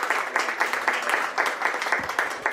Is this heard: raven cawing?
no